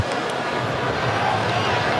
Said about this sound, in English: By the way, the groans you just heard from the crowd here in Seattle was because of the update on the big screen. And I'm seeing that Belgium has taken now a 2-0 lead, which is not what the Pharaohs are hoping for